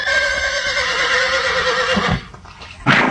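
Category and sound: animal, horse neighing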